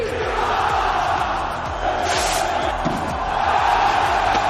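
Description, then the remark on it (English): A dense, roaring crowd of more than 10,000 revelers in Pamplona's consistorial square, at the official opening of the San Fermín Festival, cheers and chants together, a loud continuous wall of many voices with shouts rising above the steady din throughout. “chants of "Long live San Fermín" echoed across the celebrations”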